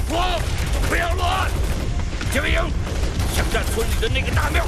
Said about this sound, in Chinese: 枪声！ 啊，糟了，枪声！我们中埋伏了！ 中埋伏了！怎么办？